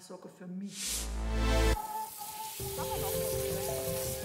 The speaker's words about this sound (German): Endspurt beim Kochkurs in Brackenheim. Die Küchlein brutzeln noch und dann kann angerichtet werden.